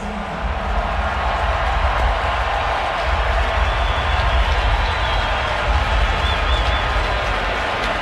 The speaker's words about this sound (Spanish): Muy buena ovación por parte del público.